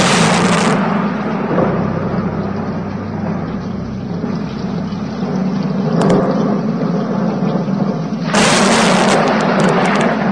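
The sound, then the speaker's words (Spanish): Deep, sustained rumbling of thunder from a terrible storm rolls on without pause, with heavy low-end booms and a broad noisy roar, swelling brighter and harsher near the start and again toward the end. “Bramaban las nubes, los truenos se sucedían unos a otros.”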